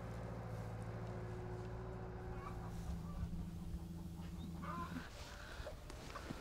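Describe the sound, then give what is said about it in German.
About 100 hens cluck and murmur from a mobile coop being moved to a new area, over a steady low mechanical hum. The hum cuts out near the end, leaving the chickens' scattered clucks and rustling. “100 Hühner im Mobilstall auf eine neue Fläche.”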